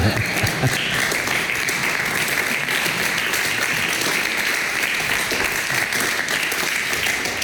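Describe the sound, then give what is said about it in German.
Steady applause from an audience at the Keller der Metaphysik philosophical talk series in the Malersaal of the Deutsches Schauspielhaus Hamburg, a dense wash of many hands clapping at an even, loud level throughout, with no clear individual claps standing out and no talking. “Vielen Dank, liebes Publikum, für diesen freundlichen Applaus.”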